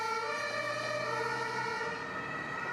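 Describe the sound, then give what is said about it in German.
An ambulance siren wails loudly and steadily, its strong, continuous tone carrying over faint road rumble, with no voices. “Seine Ehefrau reagiert richtig und ruft sofort den Rettungswagen.”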